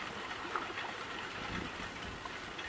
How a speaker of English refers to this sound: out here on the river in a little pink kayak.